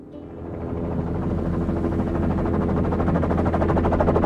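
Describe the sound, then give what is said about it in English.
A helicopter roars steadily overhead above a deep snowbank in polar bear country, its rotor thumping in a fast, even chop over a low engine drone, loud, growing slightly louder throughout with no one speaking. “Back up in the choppers, there's a big black hole in a deep snowbank right below us.”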